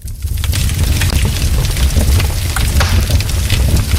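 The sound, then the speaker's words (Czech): A wood fire crackles and pops steadily in a fireplace, with sharp irregular snaps over a low rumbling roar, fairly loud throughout. No voices are present. “Velmi populární, a to asi znáte i z televizních obrazovek, je praskání dřeva v krbu.”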